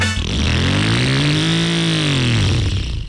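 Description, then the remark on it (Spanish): A motorcycle engine revs up, holds a high whine, then eases back down in one loud sweep lasting a few seconds, with no voices. “Pero creo que con esa moto no.”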